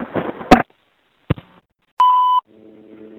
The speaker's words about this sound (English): I'm going to include this phone on my collection of payphone buttons. I just took a look at it. It's a beauty. These buttons are a mess.